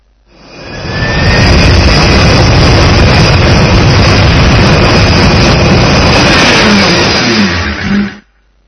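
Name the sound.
airplane engine roar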